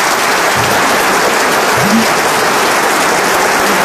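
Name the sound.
audience applause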